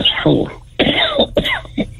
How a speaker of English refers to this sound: Yeah, I just, I'm coughing here.